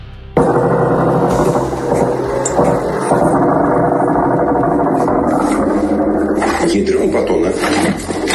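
A loud, steady engine-like buzzing from attack drones flying over a house during a drone attack on the port of Ust-Luga drones on without a break, with muffled voices mixed into the rough, droning noise.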